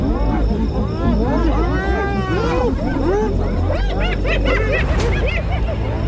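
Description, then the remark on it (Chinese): Spotted hyenas mobbing lions, which hold out under the attack but cannot feed: a loud, frantic chorus of overlapping whoops, yelps and cackling calls rising and falling in pitch, with deep growling rumbles running continuously underneath. “他们虽然在斑鬣狗的围攻下坚持抵抗，但在这种情况下根本无法进食。”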